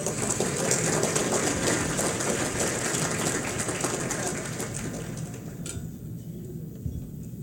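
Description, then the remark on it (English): An audience at an Akron Roundtable event claps steadily in a dense, crackling wash of applause welcoming Trailhead's president and CEO. It holds for several seconds, then thins and softens toward the end, with no voices over it. “Let's receive her with a round of applause.”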